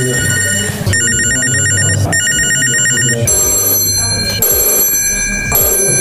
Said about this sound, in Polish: Wspaniale! Jeszcze tutaj jest produkcji radzieckiej, 45. To nie wszystkie dźwięki telefonów z kolekcji Henryka Świerszcza, który wraz z Tomaszem Pietrasiewiczem stworzył nowe miejsce na mapie Lublina o nazwie Łącznica.